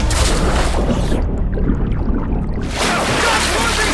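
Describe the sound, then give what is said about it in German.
A heavy wooden gangway slides away and crashes into water, setting off a loud, churning roar of splashing that briefly muffles mid-way before surging back, with no one speaking. “Die Gangway rutschte davon und krachte ins Wasser.”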